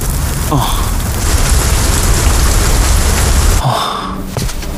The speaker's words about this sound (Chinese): 下雨了。 这里离我家近，先回去避避雨吧。